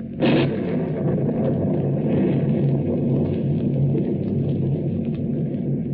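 A heavy, continuous roar of storm wind and sea around a boat at night, starting with a sudden loud surge and then rumbling steadily, deep and churning throughout with no voices, as the storm rises in intensity.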